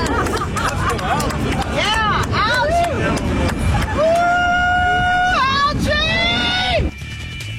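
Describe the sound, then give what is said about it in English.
A large outdoor crowd at the Reflecting Pool on the National Mall in Washington, D.C. roars and chants for the algae in the pool, loud and dense, with voices rising into long, sustained unison shouts before the noise cuts off abruptly near the end. “They're literally chanting for algae down at the reflecting pool on the mall in Washington, D.C.”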